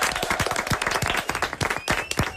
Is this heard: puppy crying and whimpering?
no